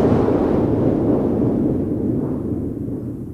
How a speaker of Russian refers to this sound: Простите, пожалуйста, вы не могли бы мне объяснить, что это за странные звуки? Ах, доктор, это пушки. Пушки? Пушки. А стреляют они, потому что оружейник Просперо повел сегодня народ, чтобы взять штурмом дворец трех толстяков.